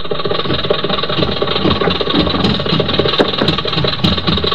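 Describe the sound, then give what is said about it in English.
A city bus (a 'Wawa') engine in Havana runs steadily with a dense, rumbling drone and a rattly mid-range texture, holding an even loudness throughout, while a few faint sharp clicks tick through near the end. “I finished my drink and hit the street, but instead of hailing a cab, I figured I might as well take the bus and eat for a couple of days on the difference.”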